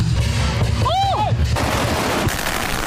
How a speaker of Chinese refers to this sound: 当领狮人点燃鞭炮，率先投向场中央，炸火狮表演正式开始。炸火狮也叫舞火狮，是连山当地壮族同胞庆祝元宵佳节的独特年俗，起源于古代驱赶年兽的传说。